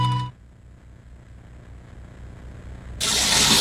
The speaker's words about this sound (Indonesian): Ya ampun, ini keran air kok nggak dimatikan lagi.